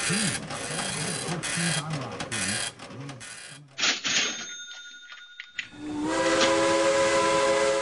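A steam locomotive hisses and churns with rough, noisy steam, a thin high whistle tone briefly sounds, then a loud, sustained steam whistle blows over a continuous hiss of steam.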